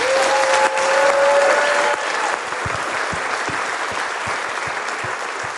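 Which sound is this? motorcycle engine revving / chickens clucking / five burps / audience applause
audience applause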